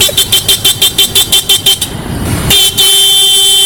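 A car horn honks loudly, first in a rapid string of about a dozen short beeps, then after a brief rumble of traffic, one long sustained blast.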